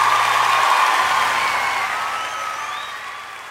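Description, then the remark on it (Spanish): A crowd applauds Jesus as King of Kings and Lord of Lords, clapping loudly and steadily with scattered cheers and whoops, the sound gradually easing off a little toward the end. “Más fuerte el aplauso para el Rey de Reyes, Señor de Señores.”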